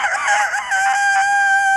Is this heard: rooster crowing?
yes